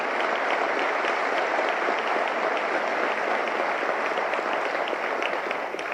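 Sustained applause from an audience, a dense steady patter of many hands clapping loudly and evenly for several seconds, with no voices standing out above it.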